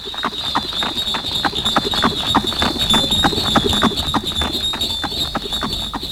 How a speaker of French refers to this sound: dans la petite ville de Pierre-Buffière, au relais de poste appelé l'Hôtel des Trois Anges, une diligence démarre à grands coups de fouet des postillons.